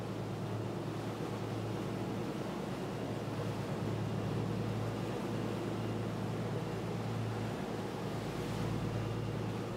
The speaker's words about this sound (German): Der Wellengang wird stärker. Das ist im Sommer gar nicht ungewöhnlich. Manchmal kommen die Fischer mit ihren Booten wochenlang nicht raus aus der Bucht. Und draußen auf dem Meer sind die Wellen noch höher.